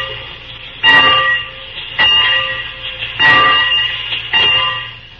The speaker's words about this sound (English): Well, what do you want me to do now, mister, huh? Oh, just ring the bell.